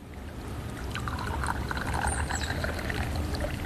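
A steady pouring sound of tea streaming into a cup, continuous, with a low rumbling engine-like background throughout, during a motorboat trip along a canal at the Ko Rian community tourism site.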